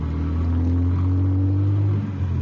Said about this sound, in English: We went across the street, got in the car, and took off. The fog was so thick you couldn't see 20 feet in any direction.